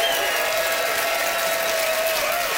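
A sustained burst of audience applause as the crowd votes by applause for Don Kelly, dense and steady throughout, like a room full of people clapping continuously with no voices standing out.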